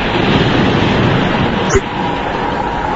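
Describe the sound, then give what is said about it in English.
A steady, rushing roar of English Channel surf on the beach of Pevensey Bay, continuous and fairly loud, with one brief knock partway through and no distinct individual waves standing out. “I caught a road to Norman's Bay halt, and I'm now addressing you from the beach of Pevensey Bay, where the great English Channel meets the great British sewage system.”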